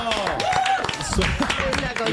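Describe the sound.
A steady burst of applause, dense and fairly loud, fills the whole stretch while voices talk and call out over the clapping.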